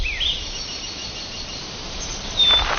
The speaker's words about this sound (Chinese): 传粉采蜜的不只有昆虫，还有中国境内体型最小的鸟——叉尾太阳鸟。